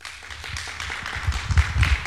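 An audience applauding: a dense, steady patter of many hands clapping that swells a little louder toward the end, with some low thumps underneath.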